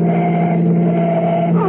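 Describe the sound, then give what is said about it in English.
A loud, steady engine drone from a car driving at speed, swerving across both lanes of the road, its low hum holding constant throughout with no voices. “He's all over the road, hogging both lanes. Step on him and overtake him.”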